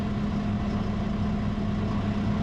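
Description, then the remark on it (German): A tractor engine idles with a steady, deep, throbbing rumble, fairly loud, holding an even pitch throughout with no voices. “Abbiegen mit dem Traktor ist besonders gefährlich.”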